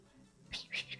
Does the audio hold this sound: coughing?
no